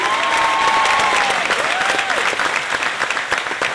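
A large audience claps loudly and steadily throughout, welcoming a contestant from New Jersey, a dense wash of applause with a couple of rising whistles cutting through near the start.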